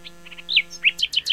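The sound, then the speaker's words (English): A nightingale sings a quick, varied phrase of bright chirps and whistled notes, ending in a rapid run of sharp repeated tweets, clear with no voices. “The song of this bird is particularly rich and elaborated, with a lot of variations and hundreds of different melodic phrases, but is also very powerful and expressive, especially when they sing at night.”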